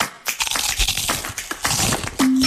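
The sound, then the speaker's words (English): Loud crackling as a chip in a car windshield turns into a crack, a rapid series of sharp snaps and creaks spreading across about two seconds, then a steady low hum takes over at the end. “That chip turned into a crack?”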